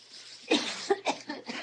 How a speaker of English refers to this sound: At the beauty parlor, Annelle sprays hairspray on Truby's hair. Truby coughs.